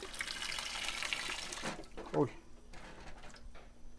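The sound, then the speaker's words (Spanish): Cold running water is poured steadily over pacaya palm flowers for about a second and a half, a broad rushing splash, then cuts off, followed by a brief clatter and quiet. “Ahora le vamos a tirar el agua a nuestras pacayas para que se nos haga más fácil la limpiadita de la cáscara.”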